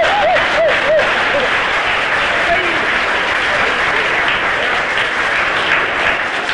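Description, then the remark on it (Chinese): A large crowd of spectators at a table tennis match stands, clapping and cheering for Chinese player Zhuang Zidong winning the first game. A dense, steady roar of applause holds loud for several seconds, with a few rising shouts or whistles standing out near the start. “这时全场很多观众不得不起立，为我们中国队员取得第一局的胜利而欢呼：中国庄自动， 庄自动！”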